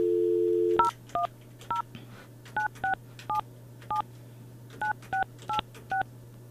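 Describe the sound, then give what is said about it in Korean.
A radio host dials a listener's phone number on a keypad: a steady dial tone stops, then about thirteen short two-tone beeps follow in quick, slightly uneven bursts over a low constant hum. No one speaks. “이분한테 제가 전화를 한번 해볼게요.”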